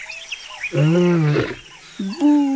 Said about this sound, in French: Il y a très longtemps, dans la savane, un lion se lamentait.